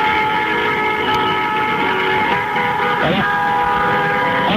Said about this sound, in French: Allez-y, klaxonner. Allez-y, klaxonnez encore un peu, encore. Allez-y, on fait dans sa gueule, allez-y. Alors, ça fait du bruit quand même, hein, Paris la nuit, hein.